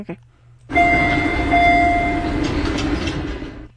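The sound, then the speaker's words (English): A subway train chime on the red line: sustained electronic tones, one mid-pitched and one higher, ring out over a loud, steady rumble of train noise before fading. “Jeez, that's a red line.”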